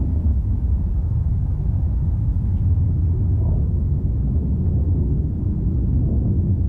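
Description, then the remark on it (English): A big storm in the middle of an old-growth forest in Oregon, with no cities nearby, roars steadily and loudly, a dense, continuous low rumble of wind and weather with no breaks, no distinct events, and no voices. “I want to play a sound of a storm now, and I want you to explain to us what we're listening to.”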